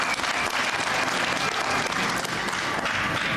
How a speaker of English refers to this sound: I spoke to them on Sunday and Monday, and they all committed that their people would be here, and I saw them here. So let's give them a round of applause too.